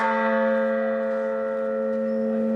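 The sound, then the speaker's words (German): A single church bell, tuned to the note A, rings out with a steady, sustained tone, its rich overtones humming evenly as the note slowly decays. It is fairly loud, with no voices present. “Resistamus, lasst uns widersetzen. Ein A.”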